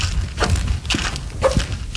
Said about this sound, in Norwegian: Der går vi. Husk det er halt, for det bare ene skoen som knirker. Og i tillegg så har du valgt å ha friskpastiller som raller i en helt egen rytme i lomma samtidig.